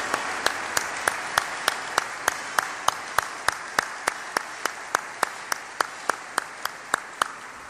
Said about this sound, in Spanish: Hoy, ante su familia y seres queridos aquí presentes, volvemos a rendir homenaje a su memoria y a una vida empeñada en formar generaciones maderenses. Un fuerte aplauso hasta el cielo al maestro Calixto Méndez Gómez.